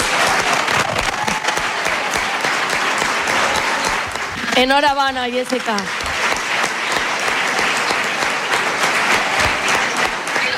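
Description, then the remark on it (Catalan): Sustained applause from an audience fills the whole stretch, a dense steady clatter of many hands, with a brief spoken congratulation rising over it midway, after the mayor of Tavernes de la Valldigna announces the Fallera Major of Tavernes for 2027. “Aplaudiments i més aplaudiments, i jo imagine que no sé si li va arribar a caure alguna llagrimeta, però emoció a flor de pell.”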